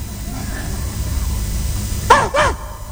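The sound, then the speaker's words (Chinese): A person imitates a dog with two quick, loud barks in close succession, the dog counting two coins thrown on the ground, after a stretch of quiet low background noise. “你问他，嘿，这是几？ 那狗怎么办？”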